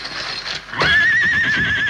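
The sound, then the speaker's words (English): A horse, Silver, the Lone Ranger's horse, lets out a loud, shrill whinny outside the door that rises sharply and then holds, quavering, for over a second, with a faint rustling background before it begins. “What's that? A horse outside the door.”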